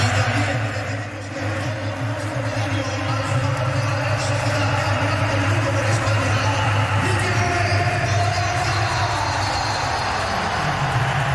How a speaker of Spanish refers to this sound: Ahí hay aplausos también para Oyarzabal. Esto es el Bernabéu.